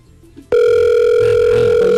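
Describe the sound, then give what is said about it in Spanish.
After a brief hush, a loud, steady electronic ringing tone from an outgoing phone call to a woman known from TikTok starts abruptly and holds without a break, with faint voices murmuring underneath. “¿Estás llamando a la de TikTok?”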